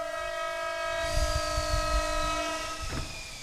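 A train horn blares in one long, steady blast while the heavy rumble and clatter of the train rolls by, with a brief sharp burst near the end.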